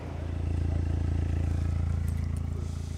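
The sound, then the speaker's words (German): A car engine roars loudly through its exhaust during a noise-level measurement by officers with a calibrated meter, microphone set at a 45-degree angle, 50 cm from the tailpipe end; held at a steady high rev with a deep, throbbing rumble that pulses evenly and swells slightly toward the middle. “Das geeichte Gerät beweist den Beamten, ob das Auto zu laut ist.”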